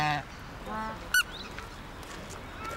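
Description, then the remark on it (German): Several geese honk in a nasal, scattered chorus, with one loud sharp honk standing out amid fainter calls over a steady outdoor background. “Gänse, so.”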